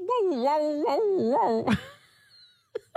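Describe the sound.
A person vocally imitates a dog's yowl: a wavering, rising-and-falling howl of several pitched undulations lasting about a second and a half, followed by a breathy burst and two short vocal sounds.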